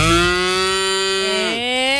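A farm cow gives one long, loud moo, a steady low drawn-out call that dips slightly in pitch near the end, with no talking over it.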